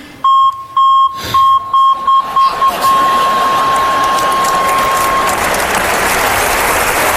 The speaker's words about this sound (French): Je pourrais jamais les oublier, c'est le même bip que le bip de recul sur ma voiture.